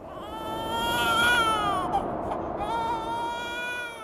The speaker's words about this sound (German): Ein Babyschrei hallt durch die Berge der Anden. Clara hat gerade dabei geholfen, ein Kind zur Welt zu bringen. Zusammen mit ihrer Ziehmutter Anna.